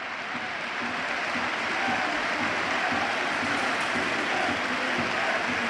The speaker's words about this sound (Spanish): Ovación a Noeta, a su campeón del mundo.